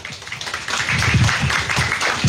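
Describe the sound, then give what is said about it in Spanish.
A crowd at an event in the municipality of Rameriquí handing agricultural supplies to young people under the Cosechando Herencia Campesina program breaks into applause welcoming the mayor, Camilo Andrés Ávila Márquez, many hands clapping in a dense, steady patter that swells after a brief moment and holds strong to the end, with no one speaking over it. “la entrega de insumos agropecuarios a los jóvenes del municipio de Rameriquí en este programa Cosechando Herencia Campesina, de tal manera que vamos a recibir con un fuerte aplauso a nuestro alcalde, doctor Camilo Andrés Ávila Márquez.”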